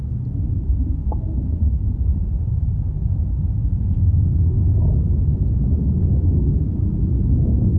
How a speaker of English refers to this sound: I want to play a sound of a storm now, and I want you to explain to us what we're listening to.